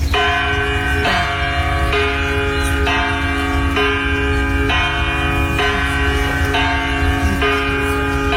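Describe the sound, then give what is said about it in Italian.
A large bell hanging several meters above the ground rings loudly and steadily, struck about once a second, each deep resonant clang overlapping the lingering hum of the last, with no voices. It is rung every hour by artist Florentina Holzinger at the Biennale. “Il video Florentina Holzinger, vedi questa campana appesa a diversi metri da terra e lei la suona, ma come la suona?”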